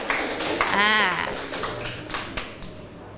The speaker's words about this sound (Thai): ปรบมือให้เพื่อนหน่อยค่ะเก่งมากนะคะ